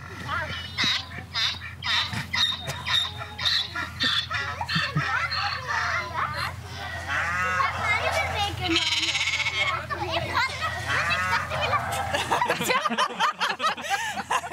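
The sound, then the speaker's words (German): A rapid string of farm animal calls played as an audio clue to a lock code in a puzzle game on a farm: a donkey braying, a rooster crowing, sheep bleating and a cow mooing, loud, one after another with barely a pause between them. “Der Code für Schloss ist Eselhahn, Schafkuh, was auch immer das heißt. Oh nee. Und Tierstimmen zählen.”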